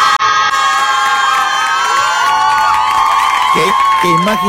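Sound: crowd applause and cheering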